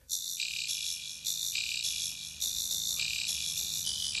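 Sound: crickets chirping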